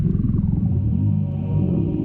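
A stomach growls in a long, low, rumbling gurgle, the stomach of the evil ruler character Horrifying Incinerator, staying steady and fairly loud for about two seconds, with no voices over it.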